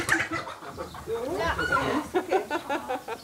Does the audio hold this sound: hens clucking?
yes